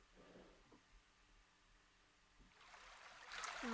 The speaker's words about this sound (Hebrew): ככה איזה נחל זורם כזה נעים, שילווה אותנו לאורך המדיטציה. נוסיף לנו עוד כמה צלילים מימים ככה עוטפים.